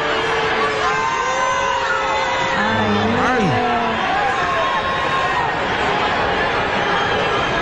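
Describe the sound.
A large crowd booing loudly and steadily for several seconds, a dense wash of many voices with occasional higher shouts and whoops rising out of the din.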